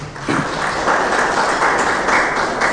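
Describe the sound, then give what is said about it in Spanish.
A church audience applauds the Lord and his word together, a steady, dense wash of many hands clapping at once that stays loud and even throughout, with no voices rising above it. “Vamos a darle un fuerte aplauso al Señor y a su palabra.”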